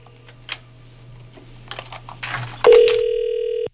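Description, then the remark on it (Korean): A series of quick button presses and clicks, then a loud, steady telephone ringback tone starts and holds for about a second before cutting off abruptly, as the radio station Far East Broadcasting (극동방송) calls a listener. No one answers and no voices are heard. “신호가 가고 있는데 전화를 안 받으시네.”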